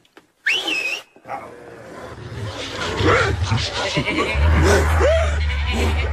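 A sharp whistle cuts off, then a pack of nine enormous dogs wearing brass-studded collars erupts into loud snarling and growling as they dash at Snowball the pig, a chaotic surge of vicious noise over a building low rumble.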